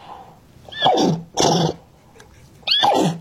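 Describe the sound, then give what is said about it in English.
A girl imitates a horse's neigh with three short, loud, breathy bursts separated by brief pauses, with no talking around them. “Would you like to hear her speaking neigh?”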